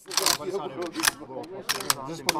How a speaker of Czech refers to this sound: Cvakání samopalů a bublání polévky v kotli se během dne ozývalo na hradě Buchlov na Uhersko-Hradišťsku. K 81. výročí ukončení druhé světové války se tady konala akce s vojenskou tématikou s názvem Den vítězství.